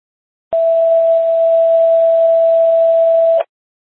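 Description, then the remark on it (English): A single steady, unbroken non-emergency alert tone sounds loud and alone for about three seconds over a narrow dispatch radio channel during a medic unit's tone check, starting and stopping abruptly. “Dispatch, Medic 60, how do you copy non-emergency tones?”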